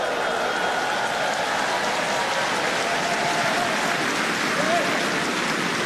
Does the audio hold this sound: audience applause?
yes